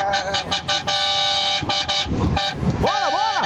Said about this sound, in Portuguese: Vamos começar o buzinaço, vai. A partir de agora, 4h30 da manhã, vamos fazer o buzinaço.